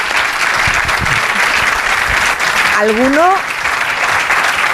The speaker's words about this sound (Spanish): Oye, eso se merece un aplauso, sí, ¿eh? Sí. Por favor.